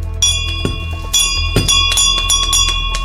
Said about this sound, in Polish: To symboliczny dzwon wdzięczności, jaki pojawił się w Uniwersyteckim Szpitalu Klinicznym we Wrocławiu. Jego dźwięk można usłyszeć w klinice neonatologii.